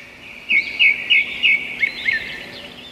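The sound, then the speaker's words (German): A bird chirps in a quick series of six bright, high notes, evenly spaced, over a steady background hiss and chorus of birdsong. “Unsere Kindersendung heute hat einen Vogel, sogar mehrere Vögel.”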